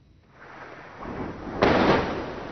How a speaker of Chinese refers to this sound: 在黎巴嫩南部奈拜提耶，随着巨大爆炸声传出，远处升起滚滚浓烟。